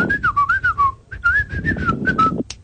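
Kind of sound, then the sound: human body sound, person whistling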